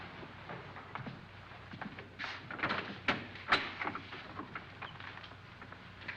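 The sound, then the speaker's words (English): Doors opening and closing: a handful of soft clunks and rattles, with a couple of sharper knocks in the middle, over a quiet, hissy background with no talking. “Boy, I've never seen so many doors.”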